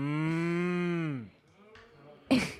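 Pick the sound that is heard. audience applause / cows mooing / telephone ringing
cows mooing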